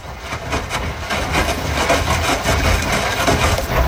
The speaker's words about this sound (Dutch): Dat is de wasmachine die al lekker vroeg staat te draaien. Dat klinkt als een rammelbak